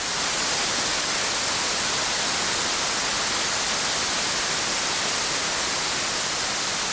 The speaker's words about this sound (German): Okay, wir müssen an der Stelle reinhören. Wer es noch nicht kennt, so klingt weißes Rauschen.